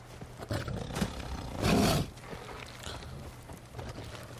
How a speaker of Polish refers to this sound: Jak mamy oswojone jakieś zwierzę większe, to ono odstrasza inne zwierzęta. Ryczy wściekle. Na przykład jakiś tygrys na innego tygrysa i tamten tygrys.